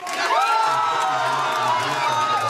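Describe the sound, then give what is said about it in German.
A crowd at the AfD election party in Schwerin, Mecklenburg-Vorpommern, Germany, cheers loudly and steadily over the party's election win, with excited whoops and shouts rising over a dense wash of voices, sustained at full volume throughout. “Die AfD in Schwerin auf ihrer Wahlparty im Freudenrausch.”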